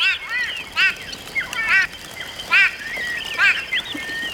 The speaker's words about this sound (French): Surpris, tous les oiseaux de la mare s'envolent. Écoute, tu entends le vol des oiseaux ?